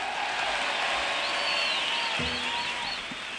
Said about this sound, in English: Thank you very much, folks. I'd like to share that round of applause with some gentlemen that have been working hard up here.